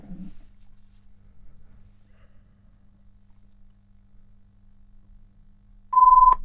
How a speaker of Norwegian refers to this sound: Og der ringer det allerede, gitt.